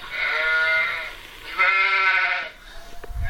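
A toy animal sound box bleats like a ewe, two long, wavering, loud baas one after the other, followed by a brief soft rustle and thump.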